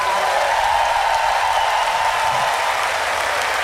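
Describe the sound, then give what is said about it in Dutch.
A large audience at a three-day festival applauds the people who built the stage and tower, a dense wash of many hands clapping at once, loud and sustained throughout with no one speaking over it. “Al die mensen die daaraan gebouwd hebben wil ik ook een groot applaus voor.”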